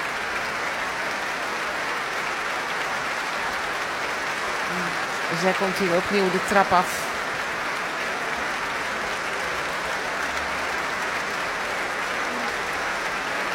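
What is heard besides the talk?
audience applause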